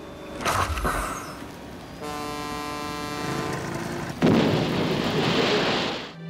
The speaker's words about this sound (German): Für die Vereinten Nationen ist Unterwasserlärm eine der größten Gefahren für die Meere.